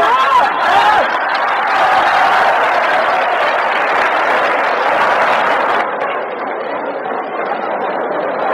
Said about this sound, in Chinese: 好，接下来让我们再以雷鸣般的掌声欢迎挑战者出场。